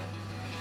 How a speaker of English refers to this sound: Concrete mixing.